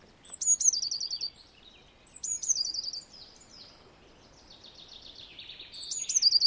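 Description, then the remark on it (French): A songbird sings bright, high trilling phrases in three short bursts with softer twittering between them, clear against a quiet outdoor background. No one speaks. “Le rouge-gorge, on va l'entendre partout. La mésange bleue, on va l'entendre un petit peu partout.”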